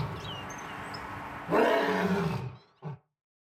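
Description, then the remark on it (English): A lion's deep roar swells loud over a rumbling ambient background, breaking off abruptly, followed by a short grunting coda, with no speech. “Here, kitty, kitty, kitty, kitty, kitty. I don't know. I can't help but be on the lion side there.”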